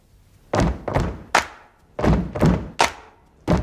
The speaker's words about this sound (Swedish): Everyone up on the drum risers. Let's start with this. Stamp to this beat. Now I want you to clap on the third beat.